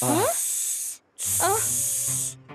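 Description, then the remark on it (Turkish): Two long, loud snake hisses come one after the other with a short gap between them, each a steady airy rush, while voices talk underneath. “Durun durun, biz köstebek değiliz. Biz yılanız.”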